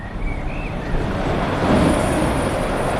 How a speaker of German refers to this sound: Ein Industriegebiet im Osten der Stadt Hamm in Westfalen, im Stadtbezirk Üntrop. Es ist früher Abend und es ist wenig los. Nur gelegentlich rauscht noch ein LKW die Straße entlang.